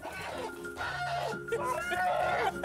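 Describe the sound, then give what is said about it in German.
A large fighting-breed rooster clucks and squawks in agitated bursts amid rustling and scuffling as it is being caught and handled, with faint voices in the background. “Das ist unser Hahn”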